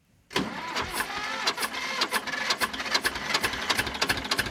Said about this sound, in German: Ein Traktor aus dem Jahr 1965 tuckert über das Festivalgelände. Eine von vielen alten Landmaschinen, die sich in diesen Tagen durchs kleine Vogtlanddorf Stelzen bewegen.